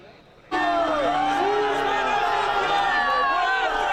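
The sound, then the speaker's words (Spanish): A large crowd of protesters camped at Puerta del Sol, gathered near the Congress, suddenly erupts into loud, sustained booing at the moment the deputies vote on decrees, many voices jeering together in a dense, continuous roar that stays strong to the end. “Abucheos e indignación han acusado a los diputados de hacer un circo.”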